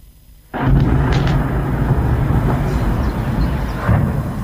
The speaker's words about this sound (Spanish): Explosiones e incendios sacudieron durante la madrugada la terminal petrolera de San Petersburgo, una de las infraestructuras energéticas más importantes de Rusia.